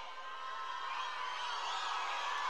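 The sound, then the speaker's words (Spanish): An audience erupts in loud, sustained shouting and cheering, a dense roar of many voices that holds steady and even swells slightly for a couple of seconds. “Avísen la weá que van a gritar, pues weón, si yo tengo el corazón débil.”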